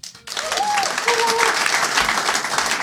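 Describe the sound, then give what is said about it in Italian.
An audience at a Fringe Me evening breaks into sustained applause after a brief quiet start, a dense, steady clatter of many hands clapping, with a few faint whistles or cheers rising above it. “Serata Fringe Me, e quindi, visto che ci sono molti Fringe Meisti qui dentro, applaudiamo.”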